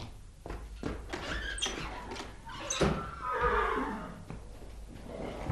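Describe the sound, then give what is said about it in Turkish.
A horse whinnies loudly with a long, wavering neigh, accompanied by snorts and shuffling hoof sounds, with no one speaking. “Güzel atlar ha oğul. Güzel atlar.”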